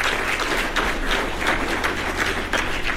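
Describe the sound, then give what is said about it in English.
An audience applauds steadily for the city of Evansville, a dense wash of many hands clapping at an even loudness throughout, with no voices standing out. “Give the city of Evansville a round of applause.”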